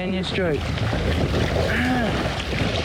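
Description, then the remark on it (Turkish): Steady, loud wind roars across the microphone on open water while a man rows a boat, a constant rushing blast that is picking up and intensifying, while the man's voice speaks in short bursts over it. “Rüzgar hızlandı. Maalesef şiddetleniyor.”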